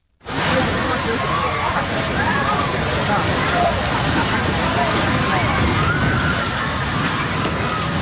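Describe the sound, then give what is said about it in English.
Muffled screams and shouting from several people rise and fall over a dense, steady roar of rumbling noise that fills the whole eight seconds without a break, as a large building housing a healthcare provider collapses onto ambulances in the street during an earthquake in Cali. “You can hear the screams, albeit in that slightly muffled clip.”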